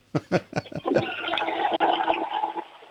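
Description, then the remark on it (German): A few quick clunks are followed by a loud toilet flush, its steady rushing water lasting about two seconds before it drops off, made for a sound game on an Austrian radio show. “Oh, das war aber eine tolle Klospülung.”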